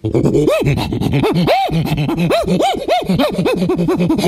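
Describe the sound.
A human voice imitates an agitated lemur, letting out a rapid string of loud, rising-and-falling yelps and wails that arc up sharply in pitch, continuous and frantic throughout.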